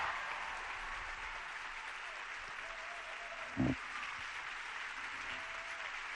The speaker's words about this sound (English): The applause is still going on